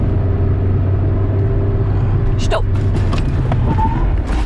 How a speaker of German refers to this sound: Wenn man eine Vollbremsung machen will, dann muss man eben voll reinstehen in die Bremse. Und zwar mit dem ganzen Gewicht, sagt die Fahrberaterin. Wir machen das also nochmal einen Versuch.